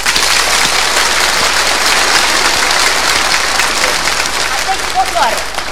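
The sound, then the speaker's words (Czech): Loud, dense stormy applause from an audience clapping on request, a steady wash of many hands clapping at once that holds its intensity for several seconds without fading. “Bouřlivý teď.”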